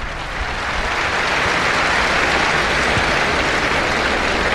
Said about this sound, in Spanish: Palmas tibias para Armillita, que llegó a torear aquí dos corridas mixtas.